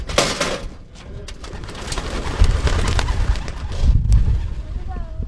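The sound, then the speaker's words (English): A loud flurry of many pigeons' wings beating at once as the birds are launched in the morning from two boxes in the back of a pickup truck for a quick practice lap, with low thumps and rustling that carry on for several seconds. “And before long, it was time to give some of the pigeons a quick practice lap.”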